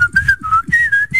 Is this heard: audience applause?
no